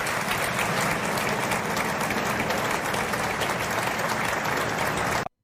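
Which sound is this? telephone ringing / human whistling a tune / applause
applause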